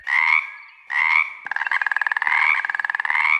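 A frog croaks: two short, bright calls, then a long rapid pulsing trill that rattles on continuously. No voices, just the frog, loud and clear.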